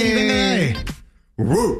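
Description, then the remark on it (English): A person imitates a small dog barking, like a chihuahua, with two loud, strained yelps separated by a brief pause; the first is drawn out and falls in pitch, the second is shorter. “What kind of dog are you giving? Definitely a chihuahua right there.”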